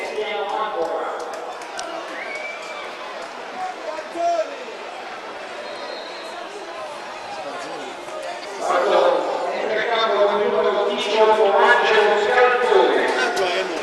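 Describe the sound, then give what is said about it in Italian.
A large stadium crowd murmurs, then stands and breaks into sustained applause for Beppe Genchi as he is substituted by Scalzone, number 18, in the 41st minute of a Taranto football match; the applause swells louder toward the end while a man talks steadily over the noise. “Scalzone al 41esimo minuto, tutti in piedi ad applaudire Genchi che è stato praticamente il mattatore di questa partita, ha fatto un gol, ne ha fatti fare altri due.”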